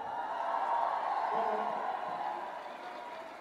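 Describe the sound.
Sustained audience applause from a sizable crowd at the Son para Milo event, cheering a music group, a steady wash of noise with voices mixed in, easing off slightly toward the end.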